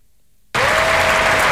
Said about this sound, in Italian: Sentite l'applauso del centrale del Foro Italico poco fa, tutti ad intonare il nome di Yannick, di Sinner, Yannick,